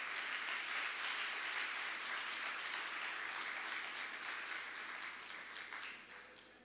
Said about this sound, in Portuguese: E veja, você quer aplaudir ao Senhor? Faça isso.